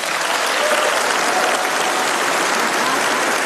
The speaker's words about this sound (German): Als Ursula von der Leyen verkündet, dass Kanada das erste assoziierte Mitglied der Europäischen Union werden soll, brandet Applaus auf im EU-Parlament.